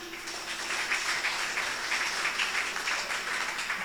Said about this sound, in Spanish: ¿Quién es? Nuestra Madre Virgen María. Fuerte aplauso a ella.